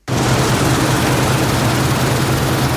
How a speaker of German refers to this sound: Michael Fröhlin steht auf seinem Acker bei Buggingen im Markgräfler Land, schaut rüber zum Mähdrescher, der zu retten versucht, was teilweise nicht mehr zu retten ist.